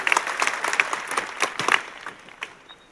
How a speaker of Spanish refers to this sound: Les damos nuevamente un aplauso a ellos, por favor.